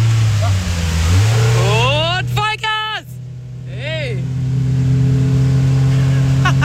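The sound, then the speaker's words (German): A motorboat fitted with a blue light roars at full throttle, its throttle lever pushed fully down. A loud, steady low drone holds throughout, with brief voices calling out over it. “Wenn ich jetzt komplett nach unten drücke, ist Vollgas.”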